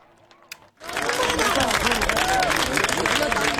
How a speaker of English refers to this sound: And there was applause in Spain as this was an extremely rare occasion. The last time it saw a total solar eclipse was more than a century ago, back in 1905. Crowds were left in awe.